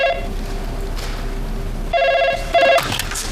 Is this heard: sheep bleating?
no